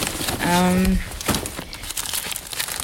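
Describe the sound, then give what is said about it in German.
Continuous rustling and crinkling of papers being shuffled and handled while someone rummages through them, with a brief hummed voice near the start and the crackly paper noise continuing throughout. “Ja, ich habe hier meine Papiere, ich muss hier mal ein bisschen kramen.”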